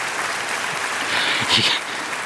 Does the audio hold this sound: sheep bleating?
no